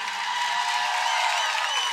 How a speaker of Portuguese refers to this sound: Muito obrigado pela vossa energia, pelo vosso carinho. Uma salva de palmas a todos vocês aqui presentes.